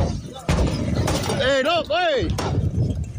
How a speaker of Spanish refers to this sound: No te encontramos un chofer desgranándole un carro de la ruta de Tamborí a palo limpio y a batazo, que le despachó todos los cristales. ¿Qué es eso? ¿Estás oyendo eso?